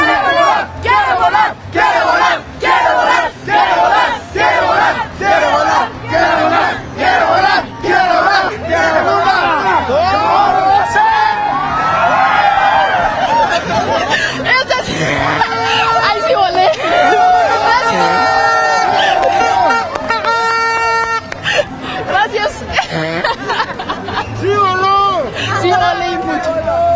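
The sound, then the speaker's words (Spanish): A large crowd of Mexico football fans at the FanFest chants and cheers loudly and continuously in the rain, with rhythmic shouted bursts early on giving way to a dense, sustained roar of many voices singing together. “Eso, así el ambiente que se vive aquí en el FanFest, a pesar de la lluvia.”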